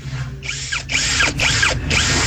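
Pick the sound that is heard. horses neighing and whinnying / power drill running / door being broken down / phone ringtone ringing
power drill running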